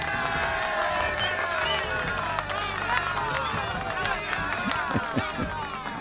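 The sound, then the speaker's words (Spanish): A crowd bursts into steady clapping mixed with whoops and cheering voices, staying loud and dense for about six seconds with no pause, applause opening Humberto Luna's program on Luna Star Radio Internacional. “El programa de Humberto Luna empieza con TikTok. ¡Aplausos!”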